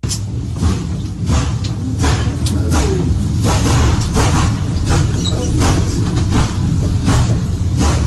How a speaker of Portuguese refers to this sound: tem o trem, e aí começa a aparecer alguns, assim, o trem vai passando, vai começando a dar umas explosões, como se fossem raios, e até começa o incêndio mesmo. E as pessoas começam a ficar apavoradas.